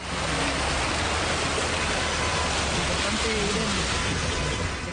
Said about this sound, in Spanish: Las imágenes muestran la fuerza con que el agua, el barro y las rocas descendieron por San Carlos de Apoquindo, en la comuna de Las Condes.